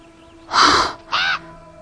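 Two loud, harsh screeching bird calls ring out, one long and one shorter, with a faint steady hum and no talking.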